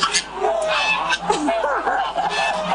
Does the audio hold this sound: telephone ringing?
no